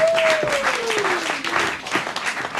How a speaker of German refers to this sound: Und deshalb begrüßen Sie heute mit uns mit einem tobenden Applaus.